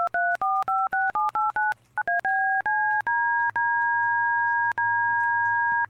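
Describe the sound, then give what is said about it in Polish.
DTMF telephone keypad tones: a quick run of about nine short, evenly spaced dual-pitched beeps, then a few longer held tones. Clean, steady and prominent, with no voices. “Ma kilka presetów od do tonów DTMF.”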